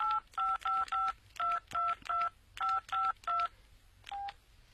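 A quick run of mobile phone keypad dialing tones as a number is dialed on one mobile phone to call another mobile phone, about a dozen short dual-pitch beeps in brisk groups, then one last beep after a pause; no voices.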